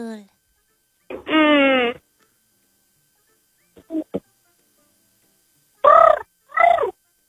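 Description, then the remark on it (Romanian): A person imitates a pigeon's cooing: one long warbling coo, a few soft short sounds, then two shorter throaty coos in quick succession. “Porumbel. Da.”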